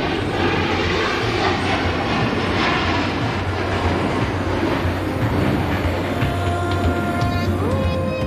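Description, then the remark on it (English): A military jet roars loudly overhead, a dense, steady rumble of engine noise that fills the whole stretch without letting up, with no voices heard. “That was coming from a military jet.”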